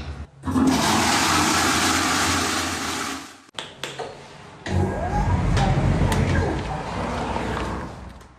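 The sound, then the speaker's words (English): A loud, forceful flush of a public toilet in a park roars for several seconds, breaks off briefly, then surges again with rushing, gurgling water that slowly settles. “I've got to say, that is an atomic flush.”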